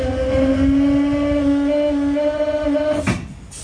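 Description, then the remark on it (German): A steady, loud mechanical drone with rushing air as the closed main brake pipe of a VT2E railcar fills, ending in a short burst of hissing as the brakes release, then quieter. “Die Hauptluftleitung wurde geschlossen, nun wird sie gefüllt, die Bremsen lösen sich.”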